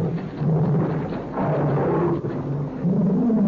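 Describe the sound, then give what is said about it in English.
A pet tiger roars in a deep, rumbling growl that holds for several seconds, its low rasping pitch rising and sinking in waves, loud and steady with no voices over it. “That's my pet tiger.”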